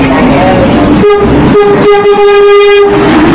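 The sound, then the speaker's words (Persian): A loud, sustained train horn blasts for about two seconds over the steady rumble of a rail car, with the rolling noise continuing before and after, as the train arrives at Veresk station on Iran's railway, by the Veresk bridge. “الان وارد ایستگاه ورسک شدیم و شما این پل زیبا را دارید.”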